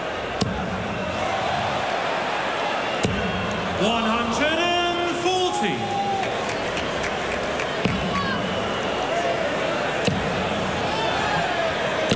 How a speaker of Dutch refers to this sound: Wow. Stuit er toch ook weer veel pijlen uit het bord, hoor. Zo heeft deze halve finale toch nog een beetje wat extra's gekregen.